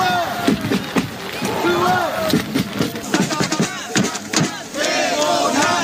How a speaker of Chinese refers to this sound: 在大雨中，联合助威团成员高喊两队队名和球员名字，现场气氛十分热烈。